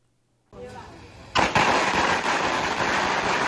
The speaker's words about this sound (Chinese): 鞭炮噼里啪啦响，红榜直接贴上家门。